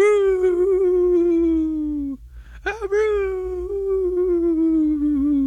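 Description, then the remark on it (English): A person imitates a howling dog, holding two long, wavering howls separated by a short break, loud, with no other sounds around. “I hope your real dogs have reacted to my very wonderfully accurate impression of a dog.”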